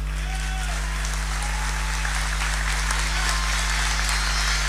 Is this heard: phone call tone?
no